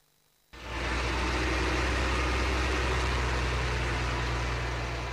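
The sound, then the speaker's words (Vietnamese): After a brief quiet start, loud heavy excavator and bulldozer engines kick in and roar steadily in the mountains, with a deep low rumble under dense falling rain, as crews repair a washed-away section of National Route 12 between Lai Châu and Điện Biên, Vietnam. No one speaks. “Tiếng mưa rơi hòa cùng tiếng máy xúc, máy ủi gầm vang giữa núi rừng.”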